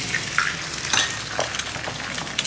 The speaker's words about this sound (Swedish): Och det är också här som man börjar se de här klippen då på Parisbor som steker ägg och pannkakor i fönstersmygen eller på trottoaren.